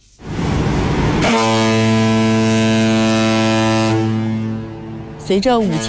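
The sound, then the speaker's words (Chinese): A deep, powerful horn of a 5,000-tonne cargo ship blares in one sustained blast for several seconds as it sets off on the Pinglu Canal in Guangxi, China, at the canal's opening to navigation, rich and droning, before cutting off; a brief rumble precedes it and a voice begins speaking at the end. “随着5000吨级货船鸣笛起航， 一艘艘货轮沿着132公里的新航道一路向南驶向北部湾，一声汽笛圆的是一个百年梦”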